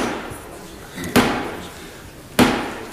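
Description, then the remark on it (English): Two heavy, deliberate ceremonial knocks by Black Rod on the door of the House of Commons, seeking entry, spaced slowly apart, each ringing out with a reverberant echo, over a faint background murmur. “Jokes like this one, when Blackrod ceremonially knocked on the door to try to gain entry to the House of Commons.”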